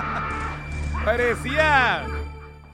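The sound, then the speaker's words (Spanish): A voice mimics a harsh, squawking crow-like creature, imitating a character from the Thundercats cartoon, in two strained, raspy bursts, fairly loud over a steady low hum. “Parecía como un... Como un cuervo, no sé qué era.”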